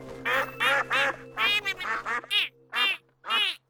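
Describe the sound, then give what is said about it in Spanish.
Donald's new duck friends quack loudly, about eight raspy calls in a quick, uneven series, the first few bunched together over a low steady hum, then spaced out with short gaps. “Ah, necesitaremos mucha ayuda para que los patos lleguen a la playa.”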